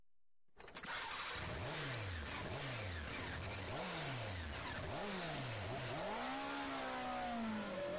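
A motorcycle engine revs hard four times in quick succession, each whine climbing then dropping, before a long sustained rev climbs steadily higher; loud, with no voices.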